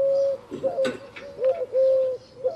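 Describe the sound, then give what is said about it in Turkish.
A laughing dove coos, a soft run of about five low, mellow notes in an uneven bubbling rhythm. Nobody speaks. “Ve Adana'da var küçük kumru.”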